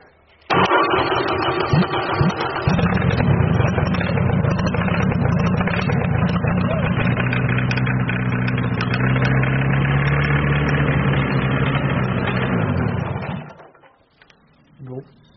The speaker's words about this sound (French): Il démarre. Ouais. Il démarre, mais il tourne pas bien. Normalement, il devrait avoir un régime stable. Là, on l'entend faire pop pop pop pop pop.